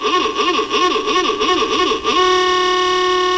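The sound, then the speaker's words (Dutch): An old horn blares loudly with a warbling, wavering tone for about two seconds, then settles into a steady, sustained blast. No one speaks. “Ik dacht, anders kan je even toeteren. Maar nee, weet je wat? Ik heb hier nog gewoon die oude.”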